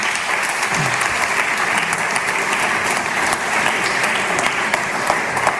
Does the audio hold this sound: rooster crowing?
no